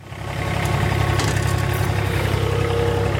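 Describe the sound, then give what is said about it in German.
A ride-on lawn mower driven by Gerald Wurzbach cuts the grass to 24 mm on the mountain-ringed ATV Irtning football pitch in Styria, on a sunny morning minutes before training. Its engine runs steadily, a low chugging drone with a pulsing rhythm and some higher rattling, holding a constant loud level after a quick rise. “Auf dem Rasenmäher sitzt Gerald Wurzbach und bringt wenige Minuten vor Trainingsbeginn nochmal alle Halme auf die genau gewünschte Länge.”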